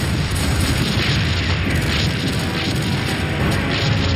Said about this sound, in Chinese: 7月5日，德军发动了猛烈的攻势。 整个战场瞬时变成一片火海，到处都在燃烧，炮声隆隆，爆炸不断，剧烈的声响震耳欲聋。